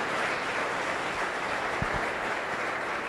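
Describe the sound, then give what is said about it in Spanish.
A church audience applauds in steady, dense applause, a continuous wash of many hands clapping at once, with a couple of brief low thumps near the end. “Dele fuerte aplauso.”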